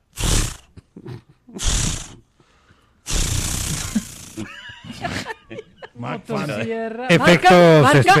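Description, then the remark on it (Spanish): A voice imitates a chainsaw being started: two short raspy pulls, then a longer sputtering roar. It is loud, followed by laughter and chatter. “No, pero estaba sonando buena el intento de encendido.”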